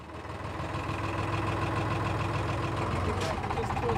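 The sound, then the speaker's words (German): A boat engine idles steadily, a continuous low rumbling drone with a humming tone that holds even and fairly loud throughout, as the boat manoeuvres into a narrow south harbour of an island. “Nur wenn Wind und Tide richtig stehen, kann Steve seine Scrail sicher hineinmanövrieren.”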